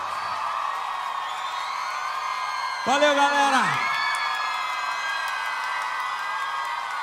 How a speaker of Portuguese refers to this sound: Aplausos